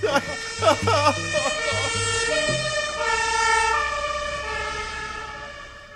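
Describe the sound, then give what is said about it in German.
A few brief vocal sounds give way to a loud, steady alarm siren set off by pressing an alarm button, a sustained high electronic tone with rich harmonics that holds unbroken for several seconds. “Aber du musst jetzt nicht den Alarmknopf drücken.”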